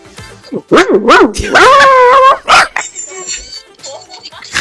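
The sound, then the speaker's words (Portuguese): A person mimics a dog, letting out a few sharp barks followed by a drawn-out whining howl, then softer whimpering yips with a slightly noisy background; a listener's audio entry for a radio pet contest. “Pronto, meu latido. Latindo e chorando.”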